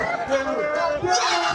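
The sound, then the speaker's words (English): A loud, dense burst of crowd noise at the Triple M beer pong tournament in a wrestling ring, many voices shouting and cheering together in a continuous roar that swells toward the end. “That's the crowd. Everyone goes nuts.”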